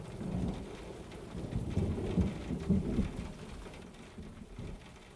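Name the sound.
rain falling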